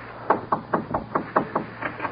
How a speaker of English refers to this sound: Go in there and knock on the door. No one's home. Knock again. Again.